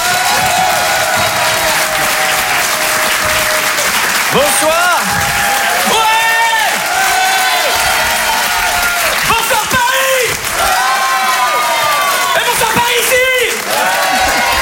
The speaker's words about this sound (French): Je vous demande de faire un tonnerre d'applaudissements.